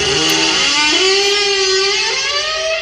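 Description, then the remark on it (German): The car engine from the TV series Knight Rider revs loudly on its own, a buzzing harmonic roar that climbs in pitch about a second in, then holds a high, steady whine until it ends. “Beste Serie. Knight Rider.”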